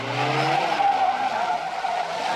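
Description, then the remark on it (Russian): A car reverses hard, following a man on foot, its tires squealing loudly in one sustained, wavering screech over a straining engine, with no voices. “Машина задним ходом едет за ним.”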